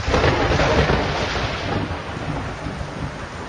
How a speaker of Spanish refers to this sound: Anochece. Se ha desatado una gran tormenta.